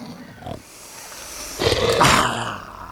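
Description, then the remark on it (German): A large beast, the Dreikopf, sniffs menacingly very close by: a faint breathy snort first, then a longer run of loud, rough, growling sniffs and snuffles, ending on a sharp final huff. “Da hört sie plötzlich, ganz nah, ein gefährliches Schniefen.”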